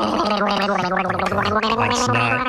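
A person gargles in one steady, bubbly stretch, a voiced throaty tone rattling and warbling loudly for a couple of seconds with no talking.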